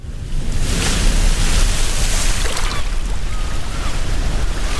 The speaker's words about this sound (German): Die Sonne scheint, die Wellen klatschen gegen das Segelboot, das salzige Wasser spritzt bis ins Gesicht und das Segel bäumt sich im Wind, während die Jolle am Opernhaus vorbei durch die Gewässer von Sydney prescht.